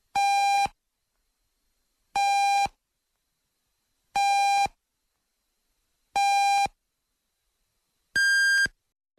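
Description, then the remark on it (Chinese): Radio hourly time signal marking 13:00 Beijing time on FM 100.8 Nuancheng Zhi Sheng Traffic Radio: four identical beeps about two seconds apart, then a fifth beep at a noticeably higher pitch. The tones are loud and buzzy and play alone, with no talking. “现在是北京时间13点整。”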